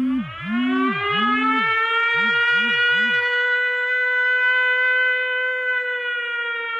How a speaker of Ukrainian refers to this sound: Повітряна тривога – звук, який змушує зупинити будь-які справи, розбудити дітей посеред ночі, взяти найнеобхідніше і спускатися в укриття.